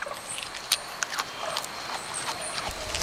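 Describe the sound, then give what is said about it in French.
A koala munching on leaves: irregular dry crunches and snaps, several sharp bites standing out above a steady soft hiss, with no voices. “On dirait un animal qui grignote des feuilles. C'est un koala.”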